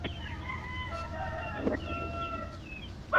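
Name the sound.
rooster crowing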